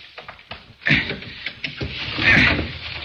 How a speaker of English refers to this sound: Let's work on this window here and get in that way. The shade's down, so we can't see inside, but I've got a little piece of steel that'll get us inside. Stand back while I do a little prying.